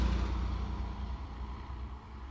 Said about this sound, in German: Das Taxi hielt vor dem Ferienhaus.